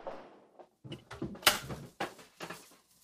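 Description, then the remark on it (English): A door being opened: a sharp latch click followed by a few dull wooden knocks and bumps over about three seconds, moderately loud, with no talking. “And what's this door?”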